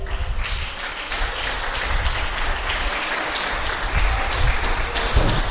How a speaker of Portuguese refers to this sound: Aleluia, pode aplaudir o Senhor.